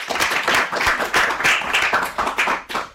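A group of children clapping together in steady applause, dense overlapping claps filling the room at close range, with no talking over it.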